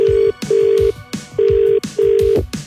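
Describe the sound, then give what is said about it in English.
A telephone ringback tone on a radio host's outgoing call to the winner of Meat Tray Friday on Gold Central Victoria's Feel Good Workdays show, two double-pulse rings, steady low electronic tones with short pauses between, over rhythmic background music thumps. No one speaks. “Let's call the winner of Meat Tray Friday for this week”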